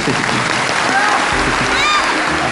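Steady audience applause fills the whole clip, a dense, loud wash of clapping with no pause. Faint voices and a few brief tonal sounds rise through it.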